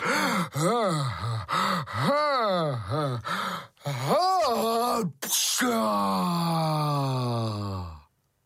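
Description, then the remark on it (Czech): A voice imitates a big sneeze by the character Pučmeloud, high in the air after something tickled his nose: a string of wavering, wailing breaths builds up, then a sharp, noisy burst, followed by a long, slowly falling vocal tone that fades away. “Pučmeloud kýchnul tak mocně, až udělal ve vzduchu kotrmelec a začal padat.”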